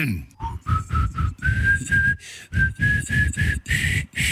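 Someone whistles a bouncy Schlager pop melody, the pitch stepping gradually upward through short repeated notes with brief breaks, accompanied by rhythmic low thumping underneath.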